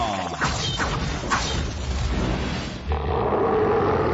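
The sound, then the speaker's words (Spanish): A loud, dense roar sound effect rumbles for about four seconds, with a few sharp crashing hits early on and a gritty, sustained growl toward the end. No one speaks. “La Ciudad de México muy pronto se estremecerá con el rugido más poderoso del regional mexicano”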